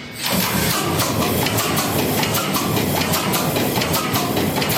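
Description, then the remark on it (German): A large ship engine, started with compressed air from a compressed-air bottle, bursts into life with a rush of hiss, then settles into a loud, steady, rapidly pulsing rumble, with no voices. The ship is in Brunsbüttel. “haben Kühlwasser offen, haben den Öl vorgepumpt, machen jetzt die Druckluftflasche auf und hoffen, dass wir noch genug Druck haben, um den Motor anzuwerfen.”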